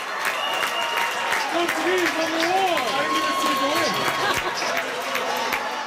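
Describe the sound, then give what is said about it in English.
A large crowd of Portugal football fans at the World Cup celebrates a big comeback, cheering and clapping steadily, with sharp applause crackling throughout and individual voices shouting and whooping over the roar, staying loud and energetic for the whole stretch. “Portugal fans were celebrating a big comeback yesterday afternoon, comes after their team was under heavy criticism for their draw against the Democratic Republic of Congo last week.”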